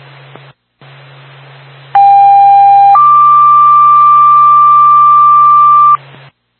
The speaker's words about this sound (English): Twin City 2 Bath Fire Department, standby for tone.